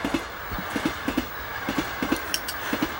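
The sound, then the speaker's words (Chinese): A moving train rolls along the rails, its wheels striking the joints in steady paired clacks over a continuous rumbling roar, with no voices. “我叫他们拉你上来，是怕你被卷到火车底下压死，并不是同意你的请求。”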